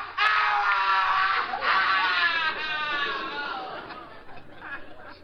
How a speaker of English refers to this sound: That scream. That came from the cellar.